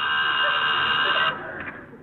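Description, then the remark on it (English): A loud, steady electric buzz of a door buzzer with strong harmonic bands drones continuously for over a second, then cuts off abruptly, leaving a quieter background behind. “There's someone at the door. There is? Didn't you hear the buzzer?”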